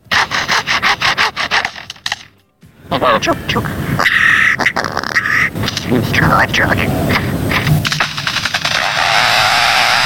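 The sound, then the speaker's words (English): A bird imitates the mechanical saws, or bandsaws, that were cutting down its forest: loud, harsh rasping bursts, a brief silence, then continuous whining, revving buzz with rising and falling tones mixed with chirps. “But the most poignant thing was that it also mimicked the sound of mechanical saws, or bandsaws, and the bandsaws that were coming in and cutting down the forest.”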